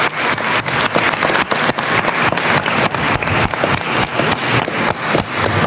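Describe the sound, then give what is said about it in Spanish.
A crowd breaks into loud, sustained applause for Saint Francis of Assisi, many hands clapping at once in a dense, steady roar of claps that fills the space for several seconds. “Un aplauso fuerte a San Francisco de Asís también.”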